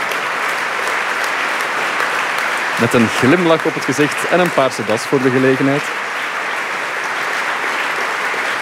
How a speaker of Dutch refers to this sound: En ze komen nog eens terug op het podium om te groeten. Eén lang applaus krijgen ze hier. Een buiging.